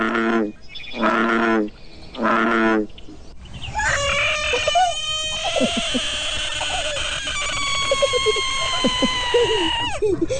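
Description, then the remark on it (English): A frog, not a tree frog, gives three loud, drawn-out croaking calls in a row, then a busy chorus of overlapping calls and chirps carries on steadily. “All right, so thanks to Trinity, we know it's a frog, and we know it's not a tree frog.”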